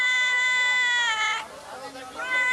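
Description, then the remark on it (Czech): A cat in a shop, up on a shelf, meows: one long, drawn-out, rising-and-falling cry followed by the start of a second meow after a brief pause. “Dělá kočka v krámě. Tamhle je, nahoře na polici.”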